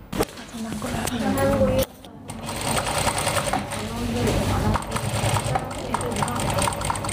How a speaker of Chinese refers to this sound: 缝纫机哒哒作响，操作台上铺满了各色布料、剪刀和线轴，四五位年轻人正埋头专注手头的拼布作品，有人在剪裁拼布手提包的花片，有人在为拼布杯垫搭配颜色。